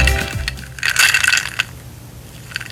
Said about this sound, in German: Die Eiswürfel im Glas. So klingt Erfrischung.